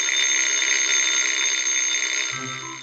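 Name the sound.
alarm clock ringing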